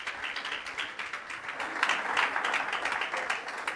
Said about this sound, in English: So let's welcome him with a big round of applause and enjoy this wonderful moment.